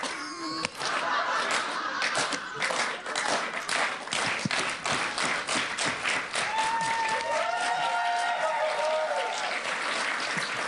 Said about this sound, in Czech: Ne, je to dobrý, já teďka jsem přemýšlel normálně nad tvým potleskem. Když v tom potlesku jsou velký pauzy, mezi tím jednotlivým tlesknutím vypadá ironicky.